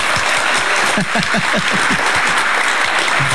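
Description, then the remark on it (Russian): A crowd applauds loudly and steadily at the start of a recorded performance by satirist Zhvanetsky, dense overlapping claps filling the whole stretch without pause, full, with no voices standing out. “Я вспоминаю концерты джазовых музыкантов, когда выходит солист, начинает солировать, публика уже аплодирует.”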